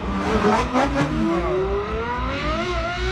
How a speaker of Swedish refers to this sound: Och förutom den här stegrande hästloggan, vad skulle du säga är liksom signumet för en Ferrari då? Ja, men dels är det de kraftfulla motorerna såsom V8, V12-motorer, ljudet ifrån dem.